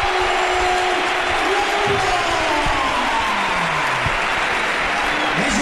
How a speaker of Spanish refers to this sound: Vaya ovación que se lleva David La Rubia al entrar en el campo. Es la primera vez que lo veo en el Málaga de estar de suplente, ¿eh?